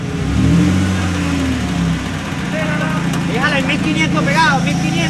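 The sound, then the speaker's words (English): A truck engine revs up with a wavering, rising drone as rescuers tie a metal gate to the truck to pull it away, then settles into a steady rumbling idle while voices shout and call out. “And they rush back to work, trying to remove the metal gate by tying it to into a truck.”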